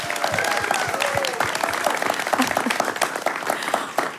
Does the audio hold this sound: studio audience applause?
yes